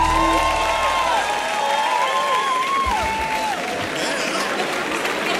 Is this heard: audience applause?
yes